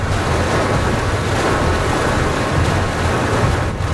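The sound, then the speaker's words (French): A dense, steady roar of heavy rain and gusting wind fills the whole stretch, loud with a low rumbling undertone and no voices; the heart of a thunderstorm with lightning, while driving on muddy tracks. “Là, il y a la pluie, le vent, les éclairs.”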